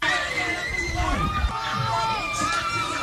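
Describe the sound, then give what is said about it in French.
A large crowd cheers and shouts with joy in the streets of Yaoundé, Cameroon, at the final whistle of the women's Africa Cup of Nations final won by Cameroon. Many high, excited voices overlap in a dense, continuous roar that stays loud throughout. “Au coup de sifflet final, ces cris de joie ont résonné bien au-delà des rues de Yaoundé.”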